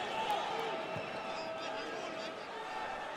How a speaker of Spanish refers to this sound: y Gray le quita el balón. Qué gran jugada de Gray. Y vaya aplauso que se lleva de la porra newyorkina.